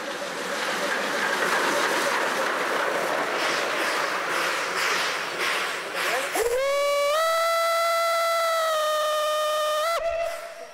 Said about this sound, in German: Trotzdem oder gerade deswegen war sie im Habsburger Staat die schnellste Dampflokomotive ihrer Zeit.